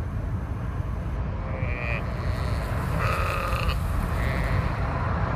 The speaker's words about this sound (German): Zum Glück fahren wir jetzt eine Weile über Land. Guckt mal, Schafe.